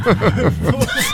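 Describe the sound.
A person mimics a horse's whinny with their voice, a quick series of rhythmic, wavering vocal bursts that rise and fall in pitch, fairly loud, with no other talk.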